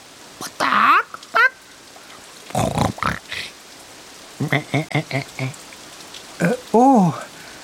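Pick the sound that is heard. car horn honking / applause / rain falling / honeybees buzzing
rain falling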